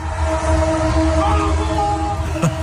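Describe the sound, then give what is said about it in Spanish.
A train horn blares in a long, steady tone, joined by overlapping honks of trains in Buenos Aires celebrating a victory, over a dense background rumble, staying loud and continuous from start to finish. “Es que hasta los trenes participaron del festejo.”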